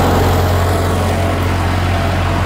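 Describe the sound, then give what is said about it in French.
A red 1980s self-propelled hay mower's engine drones steadily on a hay field in Lorainville: a loud, unchanging low rumble with a broad mechanical rush over it, no voices and no breaks for the whole stretch. “À bord de sa faucheuse rouge automotrice des années 1980, il fait signe d'embarquer.”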